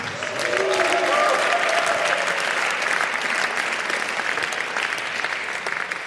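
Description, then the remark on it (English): A crowd applauds steadily for several seconds for the drummer as the band members are introduced, a dense, sustained clapping that swells early and holds, with a few faint voices calling out underneath. “Big round of applause for him.”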